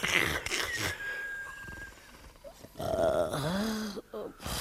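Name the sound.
imitated snoring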